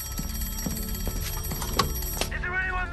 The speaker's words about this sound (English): one ring for something to the left, two rings for something to the right, but if the bird was dead ahead, as in this case, they had to give three sharp rings of the bell, and that is the sign that something is coming straight towards them.